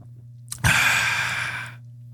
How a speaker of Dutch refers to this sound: Rare slurp, hè? Ja, dit is heel raar.